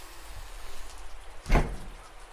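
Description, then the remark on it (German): Steady pouring rain hisses throughout at a moderate level over a street with hardly any pedestrians, with a single louder thump or knock cutting through briefly in the middle. No one speaks. “Ja, bei diesem strömenden Regen sind wirklich kaum Fußgänger auf der Straße.”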